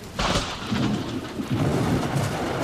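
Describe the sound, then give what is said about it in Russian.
Heavy rain hisses steadily during a thunderstorm while deep thunder rumbles and rolls underneath, with a sharper crack near the start, loud throughout the short stretch, as lightning streaks across the sky. “Хотя гром трещал по-прежнему, и молния полосовала все небо.”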